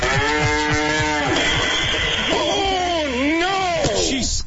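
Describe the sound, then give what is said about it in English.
A loud cow moos in one long, drawn-out call that wavers up and down in pitch before trailing off, with a low rumbling background underneath and no talking. “I gotta throw the cow out the window.”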